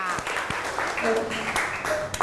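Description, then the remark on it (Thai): A group of students in a class claps for classmates after a group presentation, a steady, dense patter of applause, with a few voices calling out over the clapping. “ขอเสียงปรบมือให้เพื่อนอีกครั้งหนึ่งค่ะ”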